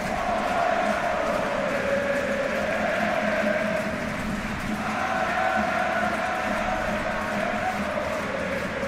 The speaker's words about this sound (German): jetzt also die zweite Ecke diesmal von der anderen Seite und die wird dann auch wieder der Spanier Csuky aus ausführen, während das Publikum die Mannschaft jetzt feiert.